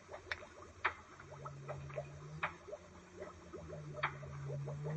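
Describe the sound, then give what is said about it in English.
An encephalograph machine running after being switched on to read brain waves, with a steady low electrical hum under a busy patter of small irregular ticks and several sharper, louder clicks. Moderately quiet, with no voices. “Turn on the encephalograph.”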